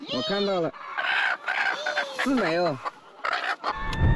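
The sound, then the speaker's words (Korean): An aggressive chicken lets out a few loud, harsh squawking clucks in short agitated bursts as eggs are being collected, with muffled human voices and rustling in between. “하루에 여러 번 줍는 일을 반복하다 보니 일이 익숙하지만 유독 공격적인 닭이 출현할 때는 좀 힘들다네요.”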